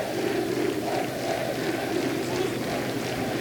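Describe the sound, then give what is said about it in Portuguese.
A large football crowd at the Estádio do Fontelo chants "Académico" in unison during a match against Santa Clara, loud, rhythmic repeated pulses of massed voices rising and falling over a steady wash of crowd noise. “Gritos de Académico, Académico, Académico no estádio do Fontelo.”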